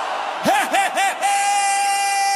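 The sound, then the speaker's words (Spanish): Shouted hallelujahs ring out in three quick swooping bursts, then stretch into one long, steady held cry that rings on to the end, loud. “Suéltalo. Gritones, los aleluyas.”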